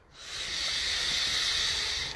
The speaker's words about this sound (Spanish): Respiro y exhalo.